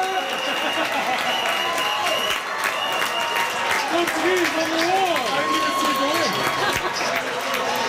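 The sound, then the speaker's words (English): A large crowd of Portugal football fans cheers and celebrates their team's comeback at the World Cup, a steady roar of clapping and excited shouting with individual voices rising and yelling near the middle, loud and continuous throughout. “Portugal fans were celebrating a big comeback yesterday afternoon.”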